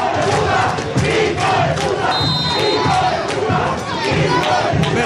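A large stadium crowd of Nacional football fans in the preferencia stand chants loudly and continuously, many voices roaring together in a rhythmic, pulsing surge with occasional claps and shouts cutting through.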